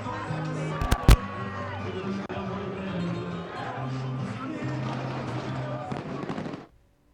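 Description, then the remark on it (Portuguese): A large stadium crowd chants "Casa Pia" and cheers in a steady, loud roar as the Casa Pia and Torriense teams enter. A sharp firework bang sounds early on, and the noise cuts off abruptly near the end. “Gritos de Casa Pia, Casa Pia, Casa Pia. E de facto está espetacular. Está espetacular o ambiente.”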